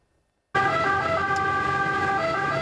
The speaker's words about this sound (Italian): L'arrivo a sirene spiegate dei vigili del fuoco, il pubblico fermo a bordo strada per far passare i soccorritori.